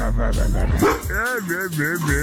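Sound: dog barking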